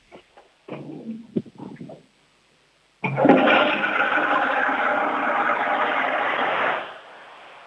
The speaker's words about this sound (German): Die war aber schön laut, deine Klospülung. Wahnsinn. Sehr cool.